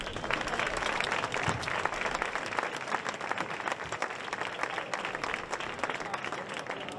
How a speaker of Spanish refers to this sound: Vamos a un aplauso.